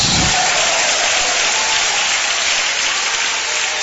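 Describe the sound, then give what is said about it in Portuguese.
An audience applauds the Lord, giving glory to God, a dense, loud wash of clapping that holds evenly throughout with no pauses and no voices standing out. “quem aplaude ao Senhor e dá glória a Deus.”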